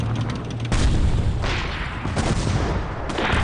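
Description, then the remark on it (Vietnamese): Artillery cannon fire from the Đại Láng gun booms alongside bursts of gunfire through the streets of Hanoi, a dense, continuous barrage of heavy thuds and cracks with no voices, loud and sustained throughout. “Với tinh thần quyết tử để tổ quốc quyết sinh, pháo Đại Láng đã bắn phát đạn đầu tiên, mở đầu cho tiếng súng đánh địch rền vang khắp phố phường.”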